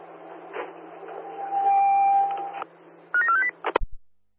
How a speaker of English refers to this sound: Attention, someone in the city has an open channel and we can hear your phone call. Someone in the city channel has an open channel and we can hear your phone call. Check your switches, please.